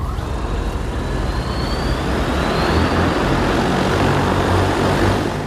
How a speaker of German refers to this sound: Es ist der ganze Stolz des chinesischen Unternehmens Ehang, das eigene Flugtaxi. Im kommenden Jahr will man die ersten testweise in China einsetzen. Wirtschaftsministerin Reiche und ihrer Delegation werden sie jetzt schon vorgeführt.